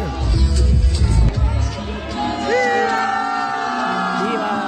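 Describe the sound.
A large crowd at a rally held in a sports club shouts and cheers loudly, voices layered into a dense roar, with some sustained yells and whoops rising over the din before it settles into steady chanting and cheering.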